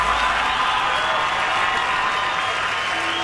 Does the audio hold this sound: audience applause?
yes